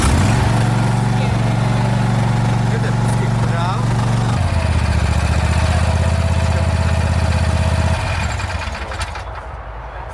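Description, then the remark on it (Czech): A Vary RL102H garden tractor mower, a lawn tractor for regular grass cutting with a collecting basket, is started with a key and runs loud with a steady droning hum, shifting to a lower pitch midway and then quieting near the end, while a person speaks briefly over it. “jedná se o klasický zahradní traktůrek na pravidelné sečení trávy se sběrem do koše”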